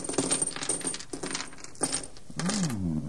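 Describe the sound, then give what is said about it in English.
A bag of jewels (diamonds, rubies and emeralds) is tipped onto a table, spilling in a bright, clinking clatter of small hard stones, with several bursts of rattling that tumble and settle over a few seconds. “Open that bag there and pour the contents out upon the table.”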